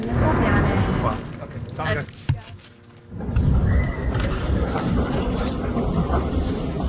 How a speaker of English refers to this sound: before we're interrupted by the sound of incoming jets.